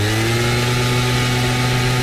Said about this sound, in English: And here's a gas-powered leaf blower.